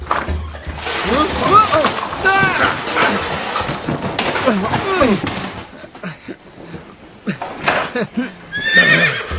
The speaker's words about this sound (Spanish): ¿Un caballo? ¡Así es!